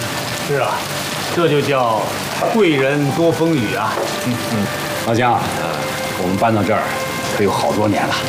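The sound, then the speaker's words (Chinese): Steady rain hisses in the background throughout, a constant wash of falling water in Qingdao, beneath several people talking over it. “好多天没下雨喽，你一来啊，这雨也来了。”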